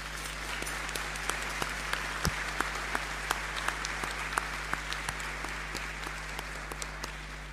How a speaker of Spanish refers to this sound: Y agradecer, bueno, le vamos a dar un aplauso nuevamente a las hermanas.